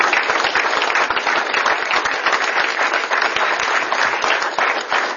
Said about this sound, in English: so I think that deserves a round of applause. For you.